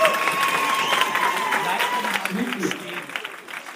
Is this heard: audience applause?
yes